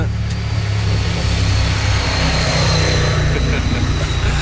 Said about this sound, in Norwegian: da var det en i motorsykkel som kjørte forbi. Og han hadde grønn hjelm med litt sånn plysj på. Det var stilig.